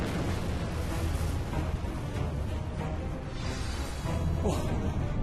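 A loud, continuous volcanic eruption roar, a dense rumbling blast that churns steadily for several seconds with rough, booming surges rising out of the noise.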